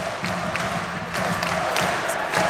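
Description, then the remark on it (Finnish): A large crowd at an ice hockey game roars and cheers steadily, a dense wash of voices that swells slightly in waves, with no single voice standing out. “Yleisö on herännyt todellakin henkiin.”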